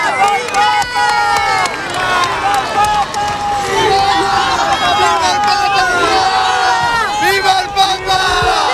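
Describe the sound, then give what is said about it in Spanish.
A large crowd in Spain shouts and cheers without pause as a car makes its entrance, many overlapping voices rising and falling in pitch, loud and dense from start to finish. “La hermosura de los caballos negros, blancos, bayos, blancos de nuevo, los gritos y el calor.”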